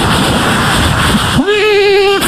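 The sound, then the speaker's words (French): A voice makes sound effects: a loud, breathy rushing hiss for over a second, then a steady hummed tone that wavers slightly in pitch before cutting off. “Mais non, c'est moi, je fais des bruitages, regardez.”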